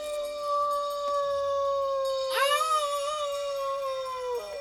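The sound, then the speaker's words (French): A tame wolf kept on guard howls in one long, sustained note that swells upward in pitch partway through, then holds steady and trails off. Clear, with no talking. “Ne vous inquiétez pas pour les loups qui montent le garde.”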